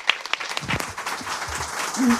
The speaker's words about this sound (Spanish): Bueno, me se escuchan los aplausos hasta más allá de lo que vemos